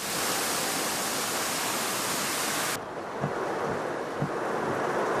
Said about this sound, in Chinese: 在大围地铁站外，一度横风横雨，伴随电闪雷鸣，不少人冒雨赶回家，部分低洼路段出现水浸，车辆需涉水而行。